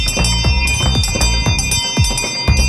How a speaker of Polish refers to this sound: Ja zrobiłem taką rekonstrukcję z dzwoneczkiem ładnym.